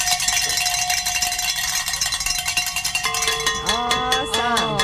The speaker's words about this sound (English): Oh, it feels good. Feels good to ring the bells. I love it.